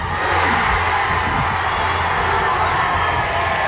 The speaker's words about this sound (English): Okay, that is the crowd here down at Eau Claire Plaza. We're at the watch party.